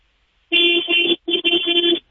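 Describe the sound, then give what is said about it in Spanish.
A car horn honks an 'oye' rhythm in a quick pattern, a run of loud blasts with brief breaks between them, lasting about a second and a half with no talking. “Quiero que me regales un oye con el claxon a las 3.”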